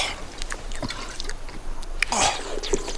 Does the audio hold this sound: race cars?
no